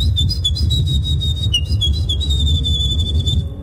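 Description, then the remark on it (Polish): At the third Polish Championships in bird imitation, a winning contestant whistles an imitation of a Eurasian wren's song: a continuous stream of rapid, high-pitched trills and chirps lasting a few seconds, loud, over a low rumbling background. “która naśladowała strzyżyka i ja ci teraz puszczę, posłuchaj”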